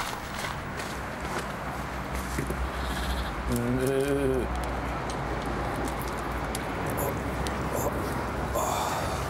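A sheep lets out one wavering, mid-pitched bleat lasting about a second during shearing, set against a steady bed of shuffling, rustling noise with occasional scuffs and thumps as a man strains lifting the third sheep.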